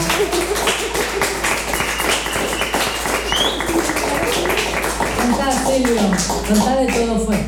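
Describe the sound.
A crowd applauds a tango music group after their performance, a dense, even patter of many hands clapping at a constant loud level for several seconds, with voices calling out and cheering underneath.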